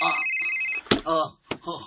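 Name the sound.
cellphone ringing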